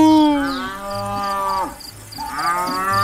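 A cow moos twice, loud: one long drawn-out low call that sags in pitch at the end, then a second bellow. A faint, steady insect chirping pulses in the background.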